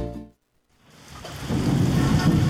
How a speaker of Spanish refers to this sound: La lluvia ha comenzado a empapar las calles de la ciudad.